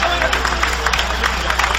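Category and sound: crowd, audience applauding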